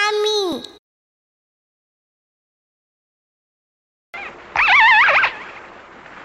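Two orca calls picked up underwater by a hydrophone: a short, bright harmonic squeal sweeping downward, then after a long silence a warbling, wavering call over a hissy underwater background.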